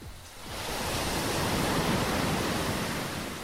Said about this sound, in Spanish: ¡Se escuchan las olas! Desde aquí puedo olfatear el mar.